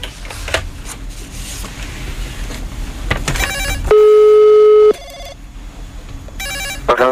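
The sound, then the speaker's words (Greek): A telephone rings: a loud, steady electronic tone held for about a second, framed by short rapid trilling bursts, over a constant rustling background clatter with no one speaking. “Χτυπάει, έλα, χτυπάει, δώσε.”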